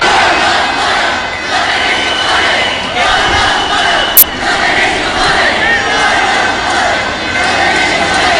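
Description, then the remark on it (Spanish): A large crowd of protesters outside the Congreso (parliament) chants and shouts continuously as police charge, a dense, loud wall of voices with rhythmic surges, plus a brief sharp click partway through. “Estamos en el patio del Congreso, que es el único sitio seguro, y vamos a escuchar algunos de los cánticos.”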